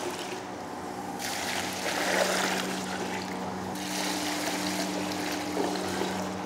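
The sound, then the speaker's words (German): Warm water pours and trickles steadily into a container to dissolve honey, swelling to a fuller gush midway, over a constant low mechanical hum; moderately loud, with no talking. “Wie gesagt, das bisschen warm Wasser noch. Zum Honig auflösen.”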